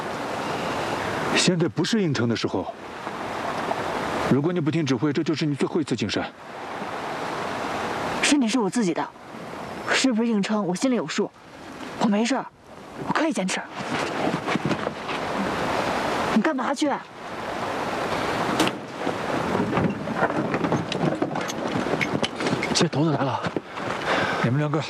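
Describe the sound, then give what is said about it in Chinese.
Heavy rain pours in a dense, steady hiss throughout, loud, on a cold night on a slope where people keep watch, while several people talk and shout over it in short, urgent exchanges. “下雨了，天气冷，你这样下去会生病的。”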